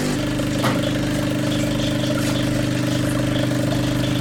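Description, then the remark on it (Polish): A capsule coffee machine runs a rinse cycle through the whole machine after descaling with citric acid, with a loud, steady, buzzing pump drone holding a low tone throughout, broken once early on by a brief click. “Dobrze, to teraz rozpoczynamy płukanie tej całej maszyny.”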